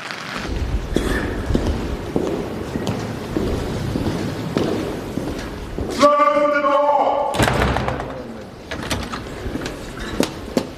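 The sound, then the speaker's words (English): Heavy knocks strike the large wooden door of the House of Commons chamber several times, made by Black Rod, the official who summons members to the state opening of Parliament. A crowd murmurs, and partway through one voice, thought to be a Labour Member of Parliament, calls out loudly. “Blackrod, who is an official whose task was summoning the members of the House of Commons to the state opening, the official opening of Parliament, banged on the door of the House of Commons.”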